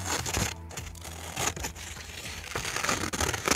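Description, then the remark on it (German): Scissors snip through paper as a reporter cuts a paper silhouette (Scherenschnitt) in Schmölln, Thuringia, Germany, with crisp irregular cuts and crinkling rustles over a few seconds, no voices present. “Es braucht nicht viel. Schere, Papier, eine Idee und Ruhe.”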